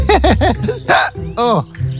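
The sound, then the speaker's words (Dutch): A voice hiccups loudly several times: three quick, squeaky hiccups in a row, then a few more spaced out, each a short rising-and-falling yelp with no talking. “Ik heb de hik de adem benomen.”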